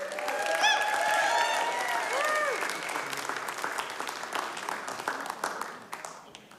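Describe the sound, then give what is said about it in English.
A crowd applauds steadily after a performance, with high whoops and cheers rising over the clapping early on, then the applause thins and tapers off toward the end. “Give it up one more time”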